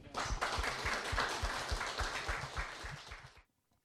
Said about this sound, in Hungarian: de egy nagyon nagy tapssal köszönjük meg.